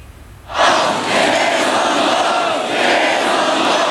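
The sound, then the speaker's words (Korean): A protest crowd shouting late at night while blocking the front of a vote-counting centre, demanding a re-election: after a brief quiet moment, many agitated voices burst into a loud, dense, sustained roar that holds steady to the end, with no single voice standing out. “밤늦은 시간 개표소 앞을 가로막은 채 격앙된 목소리로 외치는 사람들.”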